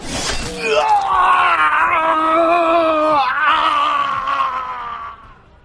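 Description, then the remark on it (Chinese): A man stabbed in the eye with a steel pipe in a restroom lets out a long, loud howl of agony. It is one sustained anguished cry lasting several seconds, its pitch wavering and slowly sinking before trailing off. “杀猪般的嚎叫传遍整个厕所，一瞬间周围所有人都安静了”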